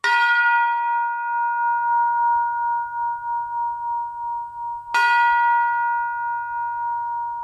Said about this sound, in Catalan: Aquest model de campanes que estan sonant, les sentirem a la Sagrada Família? Sí. Segurament serà el primer model una miqueta més prim o bastant més gruixut, eh?